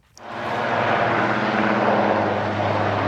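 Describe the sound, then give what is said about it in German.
Steady, loud rotor-engine roar of a hovering helicopter from which special-unit officers rope down onto a federal police boat during a demonstration; it fades in quickly and holds constant, with a low droning hum and broad whooshing noise, no voices. “Beamte der Spezialeinheit GSG 9 seilten sich am Nachmittag aus einem Hubschrauber auf das Einsatzboot Bamberg der Bundespolizei ab.”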